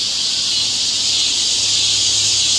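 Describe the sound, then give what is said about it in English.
A recording of a dense chorus of cicadas in summer, from a meditation tape, buzzes continuously at high pitch, loud and unbroken, with no voices and no pauses, like a wall of shrill insect noise filling the air. “So, you can actually find a website where you can listen to 10 hours of cicadas in the summer.”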